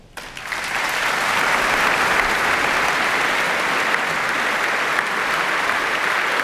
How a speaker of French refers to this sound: Ettore Pagano qui arrive habillé de noir, applaudi par le public, suivi par le chef Anthony Ermus, qui va donc commencer par le concerto imposé signé Farman.